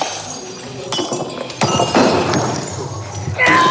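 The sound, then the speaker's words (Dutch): Repeated crashes and shattering as plates, vases, old computers, mobile phones and coffee machines are smashed in the Rage Room in Warnant near Dinant, Namur province, with irregular loud impacts, clinking debris and scattered voices in the background. “U krijgt 15 minuten de tijd om alles in de kamer af te breken. Borden, vazen, oude computers, gsm's, koffiemachine enzovoort.”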